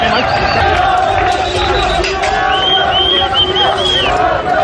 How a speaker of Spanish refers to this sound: Gritos de viva la policía gritaban ya resguardados los inmigrantes desde su altura.